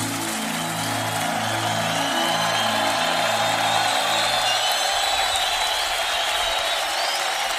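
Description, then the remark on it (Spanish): A large audience at a religious service claps steadily throughout, applause offered to God, a dense wash with no pauses, while low sustained keyboard chords sound underneath for the first few seconds before dropping away. “Dale ese aplauso a Él, por favor.”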